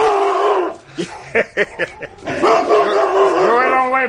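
A dog lets out a quick run of about five sharp barks and yips in the middle, framed by longer, higher whining and vocal noises before and after.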